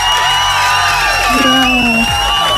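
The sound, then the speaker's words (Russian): A loud crowd cheers and claps continuously, with rising whoops and excited shouts cutting through a dense wash of noise for a few seconds. “Я тебе поздравляю, аплодисменты для тебя.”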